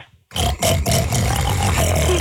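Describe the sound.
A man imitates a pig with a loud, continuous snorting grunt lasting about two seconds, rough and nasal, starting abruptly after a short quiet moment.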